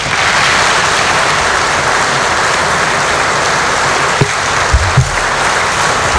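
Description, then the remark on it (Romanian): Sustained applause from a large crowd, an ovation for the members of Moldova's Parliament of Independence at a solemn session, a dense steady wash of clapping that holds at an even loudness throughout, with a few low thumps near the end. “Și ei toți merită gratitudinea și ovațiile noastre.”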